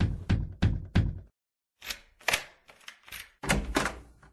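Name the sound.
knocking on a door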